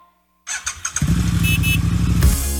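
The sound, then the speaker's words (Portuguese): A new Pop 110 motorcycle engine starts with a few sputtering bursts, then revs loudly and steadily, settling into a throaty, sustained drone with a brief surge near the end. “Garanta o presente dele no Jaú Shopping e concorra a uma Moto Pop 110 zero quilômetro.”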